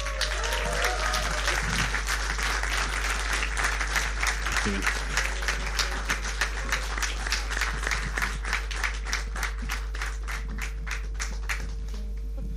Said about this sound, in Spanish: para quien les pido un aplauso.